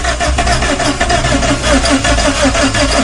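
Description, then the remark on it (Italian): A car engine cranks steadily for a few seconds as the key is turned, with a rapid, rhythmic churning that never catches because the car has no fuel. It sounds loud, with no voices. “gira la chiave, accendi il motore”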